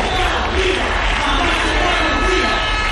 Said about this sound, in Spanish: Miles de personas se han manifestado pacíficamente para reclamar al gobierno una mayor implicación para que no vuelva a suceder una tragedia humanitaria como la de la semana pasada en la ciudad autónoma.